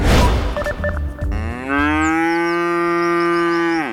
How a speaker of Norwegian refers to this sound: Da der var lyden av en ku på utmarksbeite.